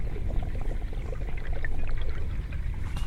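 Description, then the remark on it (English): Steady water of a river in East London churning and lapping, a continuous rushing wash with low rumble and small splashes throughout, moderately loud, no voices. “So the river sounds, I'd say I'd associate it with the sound of a breeze. The river speaks. You hear the waves, the roar of the wind in the leaves of the trees, the breeze in the reeds, a fragile sound, murmuring”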